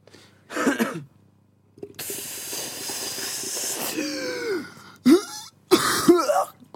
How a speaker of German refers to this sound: Du hustest und so